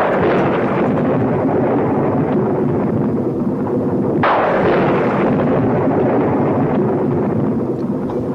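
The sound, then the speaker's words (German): Loud, continuous thunder rumbling throughout, with a sharp crack about halfway through that rolls off into a long, deep decay. No voices, just the heavy, booming storm sound. “Der Donner grollt hier am Geburtstag,”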